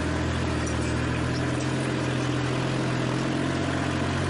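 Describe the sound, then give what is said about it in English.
A small tractor engine drones steadily as it pulls a tiller tool through a field being prepared for planting a cover crop in the fall; its low rumble holds an even pitch throughout, with no voices. “To pull this kind of a tool that I'm using here with a tractor this small that was not a four-wheel drive tractor would be very difficult.”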